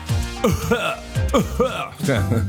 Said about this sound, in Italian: un po' di tosse, un po' di tosse.